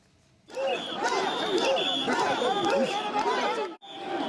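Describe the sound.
A loud festival crowd at Sanja Matsuri in Tokyo, gathered around portable shrines known as mikoshi, chants and shouts together, dense overlapping voices with rhythmic rising calls, continuous throughout with a brief dip near the end.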